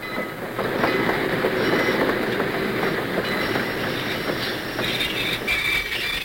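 A train pulls into a station with a steady, loud rumble and a faint rhythmic clatter of wheels on rails, continuous throughout, with some higher hissing and metallic tones and no voices.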